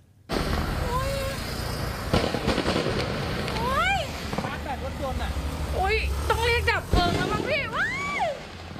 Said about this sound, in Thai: เสียงดังจากพลุที่ถูกจุดขึ้นจำนวนมากที่บริเวณหน้าสถานบันเทิงแห่งหนึ่งริมถนนพัทยาใต้อำเภอบางละมุงจังหวัดชลบุรีนะครับจนทำให้ร้านได้รับความเสียหาย